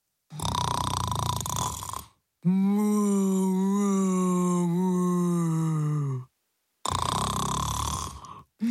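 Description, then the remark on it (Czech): A voice imitates a speckled cow snoring loudly as it sleeps in a flower bed: a harsh, raspy inhale, then a long droning, moan-like exhale, then another rough rasping breath. It is loud, with short pauses between breaths. “sladce spala kráva Kunegunda a hrozně přitom chrápala”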